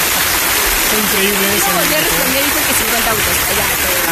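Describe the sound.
Steady, dense clapping from a crowd fills the whole clip at a loud, even level, with a person talking over the hiss of applause.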